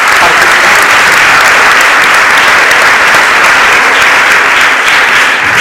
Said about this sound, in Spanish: Podéis aplaudir a Isaías también, gracias.